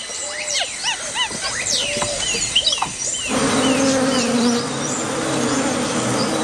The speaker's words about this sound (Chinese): 蜜蜂比他们来得更早。白脸卷尾猴幼崽冒着被蜜蜂蛰伤的风险，埋头汲取珍贵的水分。